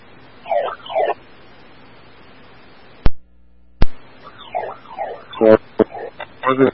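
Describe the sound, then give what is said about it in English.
A building's burglar alarm, set off while the alarm panel in the basement was being accessed, sounds in warbling, sweeping electronic bursts, fairly loud against a steady background hum, briefly cut off by two sharp clicks before the wailing pattern resumes. “So now the burglar alarm is going off.”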